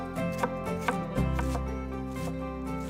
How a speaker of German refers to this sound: Also ich fange jetzt an, die Zwiebeln zu schälen und zu schneiden. Hierbei muss man gar nichts groß beachten, weil wir pürieren später.